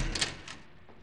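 A door opens quietly: a couple of brief scraping clicks close together, a softer one after, then low room hum fades out.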